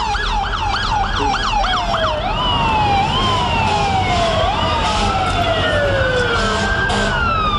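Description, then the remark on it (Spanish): An emergency siren wails loudly: several fast rising-and-falling whoops at first, then slower, long gliding tones, over a steady rumble of traffic. No one speaks. “Ya escucharlo, alarma”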